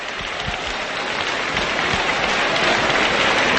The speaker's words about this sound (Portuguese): Adore ao Senhor. Aplauda ele e glorifique.